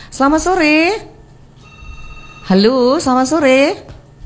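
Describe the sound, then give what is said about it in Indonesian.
A brief, faint telephone ringing tone of an outgoing call to a client sounds once in a short gap between two stretches of talking, which are louder than the ring. “Ya pasti kita klien telepon dulu, mudah-mudahan tidak salah alamat ya.”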